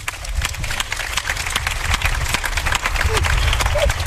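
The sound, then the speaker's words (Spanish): An audience on the show Hora 25 applauds three guests, a dense, steady patter of many hands clapping that fills the whole stretch at a fairly loud, even level, with a faint low murmur of crowd noise underneath. “Un aplauso para las tres.”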